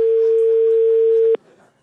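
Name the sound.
phone ringback tone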